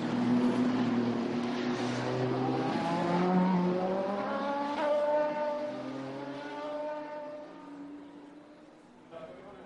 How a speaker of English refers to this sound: Just enjoy the sound of the cars as they are going through.